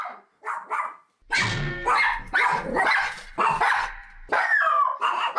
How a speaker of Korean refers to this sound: 텅 빈 복도가 개 짖는 소리로 시끄럽습니다.